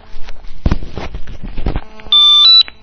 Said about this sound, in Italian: Oh, abbiamo una telefonata che interrompe il concerto.